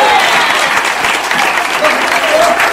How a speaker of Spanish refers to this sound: Alabe a Dios si puede. Denle fuerte aplauso al Cristo de la gloria. A su nombre.